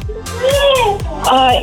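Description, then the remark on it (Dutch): A three-year-old child vocalizes in the background of a phone call in wordless, sing-song sounds, two drawn-out rising and falling calls, fairly clear with a faint low rumble behind. “Ik hoor daar trouwens nog wat sfeer bij jou op de achtergrond.”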